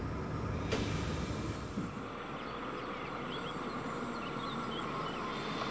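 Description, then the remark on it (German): A train rolls along with a steady, dense mechanical rumble, a sharp clunk early on and faint high metallic squeals from the wheels later, as it slows toward Solnhofen station. No one speaks. “Wir kommen nun nach Solnhofen.”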